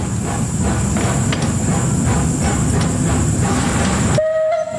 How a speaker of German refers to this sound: Ein tolles Gefühl, mit einem über 130-jährigen Tram durch die Stadt Bern zu fahren. Wie es so ist mit einem Oldtimer, bleiben die Leute interessiert stehen, winken und zücken ihre Handys.